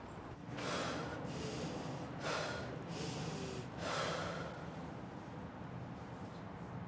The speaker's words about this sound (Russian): Вдыхаешь, держишь 10 секунд, и уже потом выдыхаешь и дышишь нормально, получается.